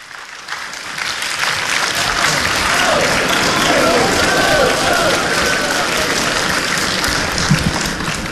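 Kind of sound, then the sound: crowd, audience applause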